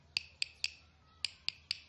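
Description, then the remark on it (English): Six sharp, bright clicks from a guiro tapped with a stick, coming in two groups of three with a short pause between, each tap crisp and woody with a slight rattle, and no talking. “Or by tapping it with a stick.”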